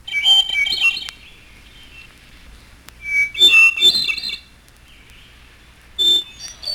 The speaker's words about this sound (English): And hermit thrush.